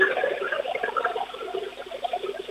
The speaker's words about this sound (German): Dann lauf mal los, zeig uns deine Klospülung. Das ist ja immer der einzige Grund, glaube ich, warum die Kinder mit mir das Geräuschespiel spielen wollen. Klospülung im Radio. Da auch was Besonderes.